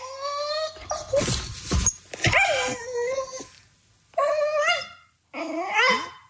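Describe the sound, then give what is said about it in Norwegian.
A dog makes a series of drawn-out, warbling grumbles and whiny murmurs, oddly cat-like, in three or four bursts separated by short pauses, with no talking; the dog murmurs like this when it is not getting attention. “Og så sier hun at når han ikke får det, så murrer han som en katt.”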